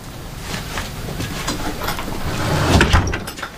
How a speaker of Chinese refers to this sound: 关门。